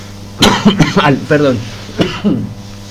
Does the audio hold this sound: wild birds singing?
no